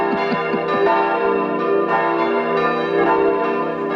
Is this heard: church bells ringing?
yes